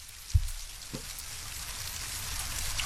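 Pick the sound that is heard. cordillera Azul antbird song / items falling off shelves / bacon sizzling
bacon sizzling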